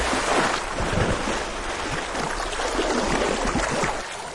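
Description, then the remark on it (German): Water sloshing and splashing in a steady, rushing wash, loud, continuing throughout with no distinct pauses and no voices. “So, und es klingt so, als wäre sie jetzt ins Wasser gefallen.”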